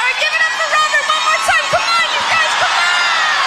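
A large crowd roars steadily at a festival, loud and continuous, with high shouts and whoops rising above the dense cheering and applause throughout.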